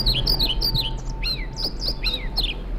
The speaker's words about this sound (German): Das ist, wenn Sie es genau wissen wollen, ein Trauerschnäpper. Ich finde, der zwitschert schön, aber der Name Trauerschnäpper, also das steht für mich jetzt nicht nach, klingt nicht nach Aufbruch und Reform.